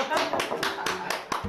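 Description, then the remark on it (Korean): A group claps hands in a steady, brisk rhythm, about seven sharp claps in quick succession, with voices murmuring faintly underneath. “박수. 박수.”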